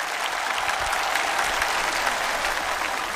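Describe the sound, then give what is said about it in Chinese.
Steady, full audience applause at a competition show welcoming the first-place challenger, a dense wash of many hands clapping at even loudness with no voices standing out. “接下来，让我们有请的是第一名的挑战者，掌声欢迎。”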